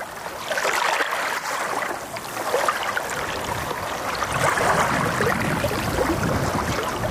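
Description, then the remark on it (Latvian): Continuous rushing and washing of sea water against a stony shore with patches of sand in a bay just beyond a dune, on a day with light wind, with a constant hiss and no voices. “Te ir akmeņaina jūra un te ir smilšs placīši.”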